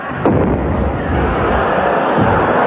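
A cannon fires a shell with a loud boom, followed by a dense, roaring rumble that lingers, and a second heavy blast near the end.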